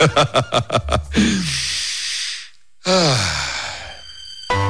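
A few quick chuckle-like bursts give way to a long, loud inhale, a brief pause, then an equally long, airy exhale, like a deliberate deep breath.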